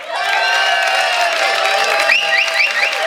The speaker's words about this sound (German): Viele Gäste aus nah und fern sind extra angereist zu diesem Frühschoppen und mit diesem Applaus schicken wir liebe Grüße hinaus in die große weite Welt bei traumhaftem Sonnenschein aus Ramsau.